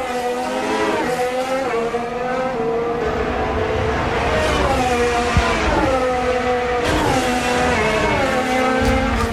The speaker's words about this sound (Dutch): En dan hoor. Aanremmen, blokken, stuiteren, curb. Ah, rechtdoor.